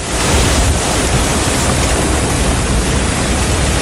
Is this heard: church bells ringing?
no